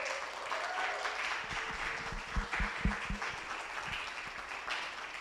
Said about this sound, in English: Mama Angela Jackson, we owe a lot to her. So can we please give her another round of applause?